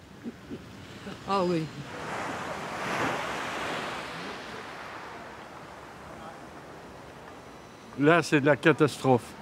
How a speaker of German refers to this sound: Und das Meer ist wunderschön. Das Meer ist vollkommen ruhig. Und Etretat ist wirklich ein Ort der Erholung.